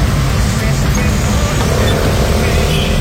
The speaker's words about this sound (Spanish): Mucho tráfico por la Santander.